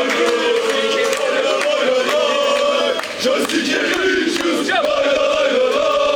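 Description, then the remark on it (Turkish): A large crowd of Fenerbahçe fans chants loudly outside the arena in rainy weather, backing the Fenerbahçe Beko basketball team as it leaves for the EuroLeague Final Four in Athens; many voices blend into a dense, rhythmic roar with sharp shouts punctuating it throughout. “Yağışlı havaya rağmen salon önünde toplanan Fenerbahçeli taraftarlar tezahüratlarla takıma destek verdi.”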